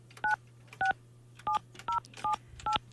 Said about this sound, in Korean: 자, 다른 분. 자, 이분 한번 또 전화 연결 한번 해보겠습니다.